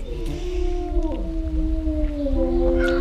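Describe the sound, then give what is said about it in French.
A pair of gray wolves at an animal centre howl together in long, overlapping tones that slowly slide downward in pitch, holding steady for the whole stretch over a low background rumble. “Donc ici c'est un couple de loups gris.”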